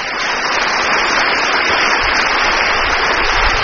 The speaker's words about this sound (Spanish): ¡Aplauso para nuestros pastores!